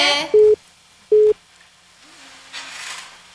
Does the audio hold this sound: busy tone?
yes